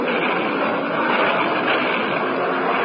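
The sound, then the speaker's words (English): A propeller aircraft engine drones loudly and steadily in flight, a constant dense roar with no breaks, without any voices. “A bandit at 11 o'clock, an unidentified plane.”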